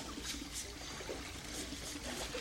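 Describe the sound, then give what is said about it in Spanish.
A steady trickle of water runs continuously at a public spring, the Chorro Rifari in Lamas, where people queue for water during a water shortage. Soft splashy bursts rise and fall over a constant wash of noise at moderate volume, with no voices. “También vemos estamos aquí en el pozo, en el Chorro Rifari, donde se ha aglomerado gente.”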